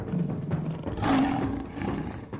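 A lion roars once, a deep, rumbling growl that swells to a loud peak midway and then trails off, forceful with no voices over it.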